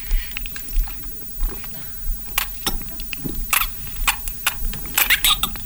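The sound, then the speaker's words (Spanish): Wet mouth sounds of someone gulping and sipping water into a microphone, with irregular clicks and smacks coming in quick bursts, no talking. “Bueno, ya me tomé unos sorbos de agua extras que no necesitaba.”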